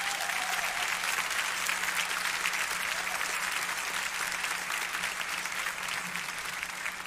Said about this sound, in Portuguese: Eu queria que os irmãos dessem uma salva de palmas para ele.